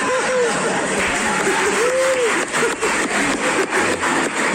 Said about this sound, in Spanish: ¿Están aplaudiendo en Pastuso? No puede ser. Es más lento.